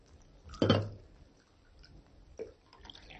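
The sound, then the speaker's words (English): Coffee being poured into a cup by a robot, heard as a short, soft splashing burst followed by a quieter liquid trickle and faint clink, with no talking. “Alpha poured coffee.”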